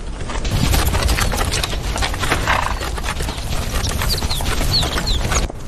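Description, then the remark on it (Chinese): Sturdy-legged Tibetan wild asses, built for long-distance running, gallop with hooves pounding in a loud, dense, continuous drumming that never lets up. A few faint high chirps come near the end. “西藏野驴腿部粗壮，有极强的耐力，长距离奔跑，一天能行进数十公里。”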